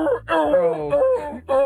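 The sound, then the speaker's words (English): A person imitates a seal, letting out a series of loud, wavering, moaning barks, about four in quick succession, strained and nasal, with no other talking. “How does a seal sound like?”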